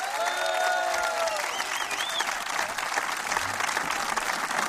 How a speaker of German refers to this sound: Ein Applaus